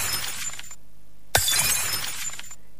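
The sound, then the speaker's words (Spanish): Two bursts of glass shattering, the second one sharper with a sudden crash and tinkling debris that scatters and fades, with a short silent gap between them and no voices. “Vidrio roto. Sí. Vamos. Ese es el sonido, ¿eh?”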